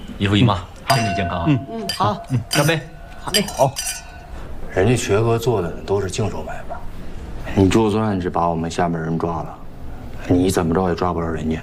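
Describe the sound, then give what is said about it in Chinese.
Several bright glass clinks ring out near the start as drinking glasses are tapped together in a toast to an aunt, with short resonant tones, while people talk and chatter around them throughout. “来，姨妈一口敬你，敬，来。”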